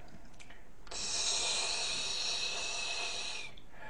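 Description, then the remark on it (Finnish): A person imitates a snake with one long, steady hiss lasting about two and a half seconds, bright and airy, with no talking. “Ensimmäinen on käärme.”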